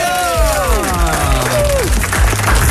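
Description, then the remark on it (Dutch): An audience at the Bondgenotenloods claps loudly and steadily, a dense roar of hands mixed with cheering voices and a few rising and falling whoops, filling the whole moment without pause, as a longtime veteran of the venue is introduced. “En, nou ja, dames en heren, mag ik een heel groot applaus voor, nou ja, de nestoren van de Bondgenotenloods”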